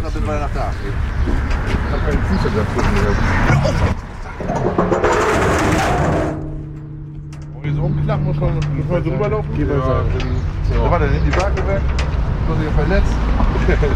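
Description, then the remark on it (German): A large metal ramp bridge, like a giant metal doormat, lowers beside an orange bus with a steady, low mechanical hum lasting several seconds, set against busy outdoor ambience, people talking and pigeons cooing. “Orangener Bus, Riesenbrücke. Muss man sich vorstellen, wie so ein Fußabtreter, nur im Großformat, aus Metall.”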